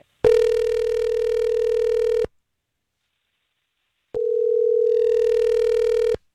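A telephone ringing tone sounds twice as a call is placed to a woman: two steady, buzzy two-second rings separated by a silent pause of about two seconds, heard clearly and fairly loud with no talking.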